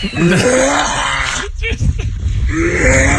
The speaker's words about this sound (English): The first one I'm going to play is a dog choking on pond water.